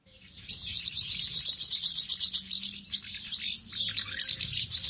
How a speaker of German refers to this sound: ABU selbst favorisiert allerdings die Mehlschwalbe, weil sie als Insektenfresser darauf aufmerksam mache, wie wenig Insekten es noch gibt. Und ihr Erhalt soll gefördert werden durch die Wahl zum Vogel des Jahres. Und so hört sich die Mehlschwalbe an.